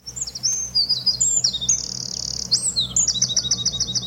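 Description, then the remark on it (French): High, strongly modulated bird whistles sweep and warble in rapid phrases, with a sustained trilling note in the middle and a quick run of repeated chirps at the end, over a low steady hum. “Alors là, on a des sifflements qui sont ce qu'on appelle très modulés.”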